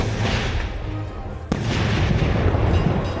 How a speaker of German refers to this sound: Das Feuerwerk steigt auf und begeistert hunderte Menschen auf dem Festplatz. Es ist alles raus, es hat alles geklappt. Es ist nichts runtergekommen.